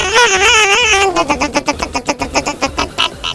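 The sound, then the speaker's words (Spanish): A voice imitates the engine of a mother's car that would not work: a wavering revving drone for about a second, then a string of quick sputtering pulses that slow and weaken as if the engine is stalling. “Sí, es que se me hizo tarde porque el carro de mami no quería trabajar. Nomás le hacía.”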